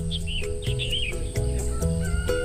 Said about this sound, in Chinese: 离开喧嚣的城市，来到一个被鸟叫醒的地方，享受着鸟语花香是一件非常惬意的事情。